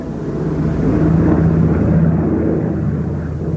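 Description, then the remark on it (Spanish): A steady, loud drone of the propeller engines of a C-130 reconnaissance aircraft used by the International Ice Patrol to monitor icebergs, with a low harmonic hum, continuous throughout, with no voices present. “La Patrulla Internacional del Hielo controla los icebergs mediante imágenes por satélite, radar y aviones C-130 de reconocimiento.”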